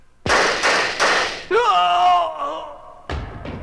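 Three sharp gunshots ring out in quick succession, followed by a wavering, high-pitched cry or tone, then two more loud bangs at the end; the shots kill a KOS engineer in the KOS newsroom.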